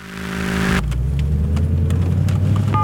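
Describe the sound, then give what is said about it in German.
A car drives by on a road, its engine whine giving way to a loud, steady low rumble of tyres and motor, with a few faint clicks and no voices. “Achtung, da ist ein Auto.”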